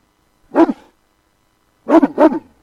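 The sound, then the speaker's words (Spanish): A Great Dane dog barks: one deep bark, a pause of over a second, then two quick barks in succession, loud and alone with no talking. “Ay, haz que deje de ladrar, va a despertar a la beba.”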